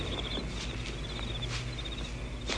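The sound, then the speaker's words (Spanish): Crickets chirp in steady, rapid trills on a moonlit night among flower gardens in a soft wind. The trills repeat throughout, set against a low, constant background hum with a few soft rustling bursts. No one speaks. “El monótono canto de los grillos, el suave viento impregnando de las flores de los jardines, creaba un ambiente romántico y seductor.”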